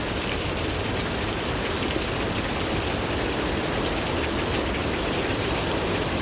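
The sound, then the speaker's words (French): A steady, dense, almost guttural roar of a wind-swept waterfall fills the air without pause, loud and unbroken, with a low rumbling undertone and no voices. “Et le son presque guttural d'une cascade balayée par le vent retentit.”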